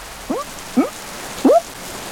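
Heavy rain hisses steadily, and three louder, separate plops ring out above it, like big drops splashing at an uneven pace. No one speaks.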